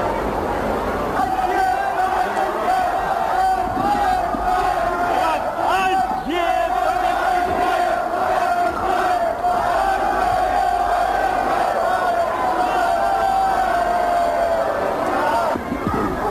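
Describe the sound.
A large crowd at the railway station in Ostrava, Czechoslovakia, roars and chants continuously as Soviet leader Leonid Brezhnev briefly steps off his train, a dense wall of voices with shouts rising over it, steady and loud throughout with a sustained tone running underneath.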